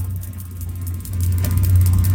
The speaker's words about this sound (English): if you can envision the boat, it's got like the metal rod holders. So it's coming out of there. And when he zooms in on it, there's sparks. There's electricity running through the boat. And this is what it sounds like.